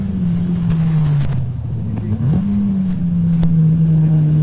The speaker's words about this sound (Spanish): Entrando al puente, yo les voy contando, saliendo al puente con el 128 y acelerando. Y ahí pasó.